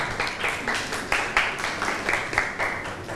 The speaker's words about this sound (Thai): เก่งมากค่ะปรบมือค่ะ